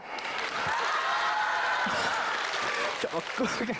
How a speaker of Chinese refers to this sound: 你别往心里去啊，就他们这鼓掌的，这都是我师父花钱雇来的，是不是？